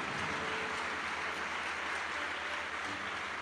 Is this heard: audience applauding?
yes